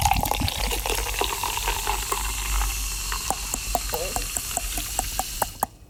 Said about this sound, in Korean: 아하! 무슨 뭘 이렇게 병 따는 소리에 이어서 따고 이렇게 흐르는 소리, 탄산수 같은 거 이렇게 따르는 소리까지.